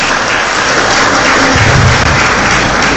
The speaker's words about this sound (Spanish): Bienvenida nuevamente. Un aplauso.